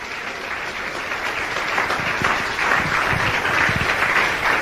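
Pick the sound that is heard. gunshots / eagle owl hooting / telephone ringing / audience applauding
audience applauding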